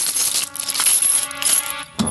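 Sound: silver coins clinking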